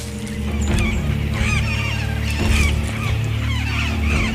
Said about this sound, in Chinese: 美洲棕尾狂能直接从空中抓走一只鹦鹉，但是来自哨兵的警报让鹦鹉群迅速逃离。